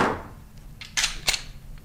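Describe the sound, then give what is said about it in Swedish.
A real Glock pistol handled by a weapons examiner at the National Forensic Centre (NFC) in Stockholm: a short series of sharp mechanical clicks and clacks, two of them louder and crisper than the rest, with no voices. “Det där ljudet känner nog många igen. Och han som åstadkommer det med en Glockpistol”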